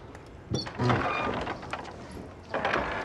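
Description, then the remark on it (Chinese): A house door being opened for a courier delivering food: a sharp clunk, then a scraping, rattling sweep and another knock a moment later, over a faint hum. “爸，先看一看再开门。”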